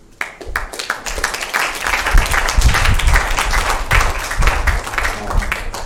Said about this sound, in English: So, round of applause again.